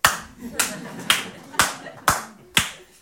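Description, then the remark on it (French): Slow, steady audience applause: about seven sharp, crisp claps at an even half-second rhythm, each ringing out briefly before the next, with no voices over them. “On peut l'applaudir.”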